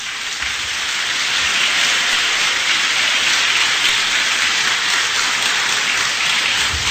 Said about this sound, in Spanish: Desde esa noche, aplauda al Señor.